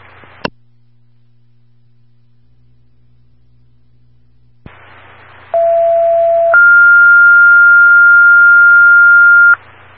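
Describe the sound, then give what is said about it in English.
Over a hissy radio channel, a squelch click opens the line, then a short lower tone steps up to a long, steady higher tone, a two-tone dispatch pager alert for coordinators, loud and clear with no talking. “Coordinators, disregard your tones.”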